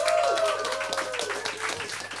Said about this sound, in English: Thanks. Another round of applause for everyone.